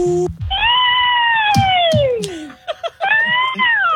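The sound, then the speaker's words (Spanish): A woman's voice gives a long, wavering, high-pitched wail imitating a witch for a haunted house audition but sounding like a cat's meow, followed by a few short vocal bursts and a second drawn-out caterwaul, loud. “Después del sonido digital, me hace falta que usted haga el sonido de la bruja.”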